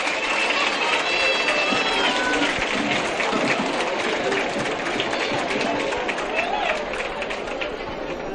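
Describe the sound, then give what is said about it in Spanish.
A crowd of townspeople applauding to wish someone a speedy recovery, a dense, steady patter of many hands clapping that holds for several seconds, with scattered voices and cheers mixed into the noise. “Ha participado en el Saluda es Mosen, y desde aquí quiero desear un aplauso de todo el pueblo, una pronta recuperación y un agradecimiento a toda la gente que lo está cuidando.”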